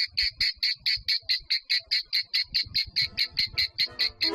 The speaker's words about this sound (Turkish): Ağustos böceğinin yaşam döngüsü böyle sürer gider. Yani Ağustos böcekleri masaldakinin aksine çok çalışsalar bile kışı göremezler.